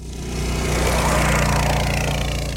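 The small engine of a fabricated, team-built go-kart idles steadily, a continuous buzzing putter with a low, even drone that holds at the same loudness throughout, with no voices.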